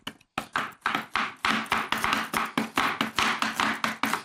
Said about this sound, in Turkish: Evet be, bıçak sesleri.